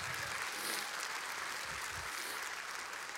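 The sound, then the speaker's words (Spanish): Steady audience applause for the Lord fills the whole stretch, a dense, even wash of many hands clapping at a constant level with no voices over it. “Wow, alguien denle un aplauso al Señor.”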